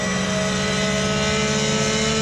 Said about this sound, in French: Elle a été préparée spécialement pour Facepeak. Donc il y a comme 560 chevaux et quasiment 100 chevaux de plus que la GT3R. Et puis surtout, elle a beaucoup plus d'aéros. Mais quel moteur! Quel moteur! Écoutez-moi ce son!